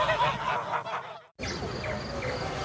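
A flock of geese honks continuously, many overlapping calls, with a brief cut to silence midway before the noisy honking resumes.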